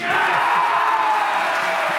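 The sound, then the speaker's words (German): A large crowd in a hall in Baden-Baden erupts in sustained, loud cheering and whooping as Federal President Steinmeier announces Munich as the winner of the German bid for the Olympic Games, a dense unbroken roar of many voices that holds steady for the whole two seconds. “Ja, man hört's schon, neben der Freude gab's da einfach einen kleinen Fauxpas, nämlich vor allen anderen wussten die ZuschauerInnen im Saal in Baden-Baden, wo das verkündet wurde”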